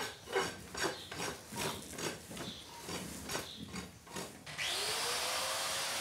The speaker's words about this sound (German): Pediküre mit der Flex. Schneller geht's wirklich nicht.